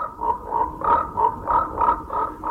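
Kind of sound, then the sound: animal, toad croaking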